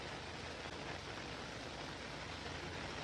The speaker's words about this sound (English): It's raining.